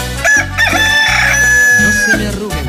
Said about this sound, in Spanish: Ah, qué chulo canta mi gallo, poco no, ¿eh? Canta bonitío. Canta precioso. Qué sabroso canta mi gallito, ¿eh? Este sí es gallo de gallos.